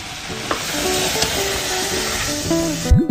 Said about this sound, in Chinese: 炒到这样冒大泡，汤汁基本收干，就可以出锅了。